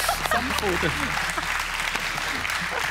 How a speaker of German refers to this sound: Dann Karnickel, sorry. Die Karnickel. Ein Applaus für das Karnickel.